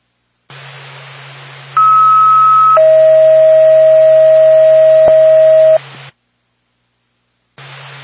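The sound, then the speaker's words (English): Radio dispatch alert tones for an ambulance service in Wakefield: a loud, steady higher tone for about a second, then a longer lower tone held for roughly three seconds, over hissy radio static that cuts out before resuming. “North Pack of Wakefield Ambulance. Stand by for Tom.”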